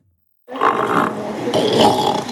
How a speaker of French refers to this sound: Celui de Oumous qui vous dit coucou, bonjour. Oumous, ce petit phoque retrouvé tout seul sur la plage des Petites Dalles fin août, on vous en avait parlé sur Ici Normandie.